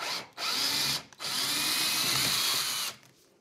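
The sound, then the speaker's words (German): A cordless screwdriver whirs in two bursts, a short spin and then a longer steady run, with a high motor whine and no one talking, used while fitting a kitchen. “Nochmal einen Akkuschrauber.”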